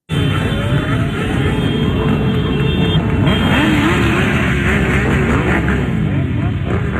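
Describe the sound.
Several scooter engines, each scooter displaying a Palestinian flag, buzz and rev as they pass through a busy street in Marseille, France, during protests: a dense, continuous roar of overlapping motors with a murmur of voices mixed into the traffic noise.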